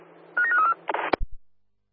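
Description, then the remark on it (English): A quick run of electronic telephone dialing tones as a phone call is placed to Perth transit base staff, several short beeps in a row, followed by a burst of static, a sharp click and two low thumps over a faint low hum. “Dial away.”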